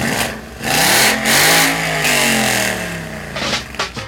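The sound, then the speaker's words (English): A car engine revs loudly, its pitch climbing and falling through several throttle bursts, ending with a few sharp blips of the gas. “Rev up your engines and cruise into downtown Abingdon this Saturday for the 14th annual Cruising Classics Car Club Car Show from 3 p.m.”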